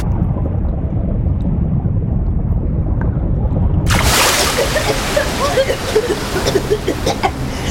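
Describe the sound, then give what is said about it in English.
A low, muffled rumble of water gives way halfway through to a sudden loud crash of an ocean wave breaking over swimmers being carried toward the edge of a reef, followed by frothy churning and sloshing. “Just stay calm and here comes another wave.”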